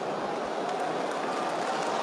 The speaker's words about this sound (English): The applause you hear is for Harley Reid, who's made his way off the ground.